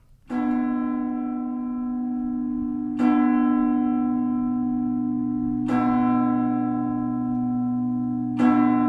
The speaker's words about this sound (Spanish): este toque de campanas indica que ha llegado el momento en América Mágica de Radio Clásica